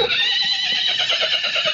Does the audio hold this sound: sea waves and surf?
no